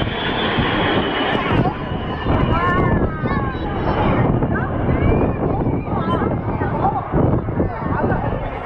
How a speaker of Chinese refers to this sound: 有小朋友在说像彩虹，这个彩虹从我们头顶上飞过来了。刚才虽然是八架表演机同时在我们头顶上飞过但是我们很难用这个词叫呼啸而过，因为它的声音非常的轻柔，所以说很多飞行员就把这个飞机叫做空中教书匠。